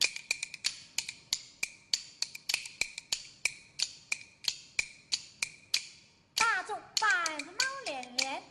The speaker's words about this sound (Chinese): 你能不能边打边用一团快板来问现场的观众堂啊？